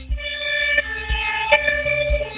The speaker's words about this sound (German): Es sind einige Feuerwehrautos aufgefahren, Bergstrasse, also Kreuzlingen Bergstrasse drauf.